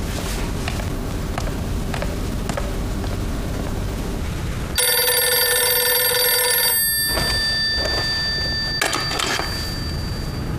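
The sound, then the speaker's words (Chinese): A loud telephone bell rings in a sustained two-second burst as a coffee shop manager phones the Rong residence, then a brief second ring follows, after a stretch of soft mechanical clicking and rustling. No one speaks. “请稍等一下，我打个电话。”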